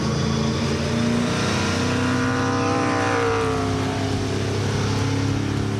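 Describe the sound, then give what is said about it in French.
A loud V8 engine of a Camaro race car revs high, up to 7500 rpm, at a historic Grand Prix event, its roar climbing in pitch midway and holding a sustained, rich growl throughout with no voices. “Bon V8 hein. Un V8 qui prend 7500 tours.”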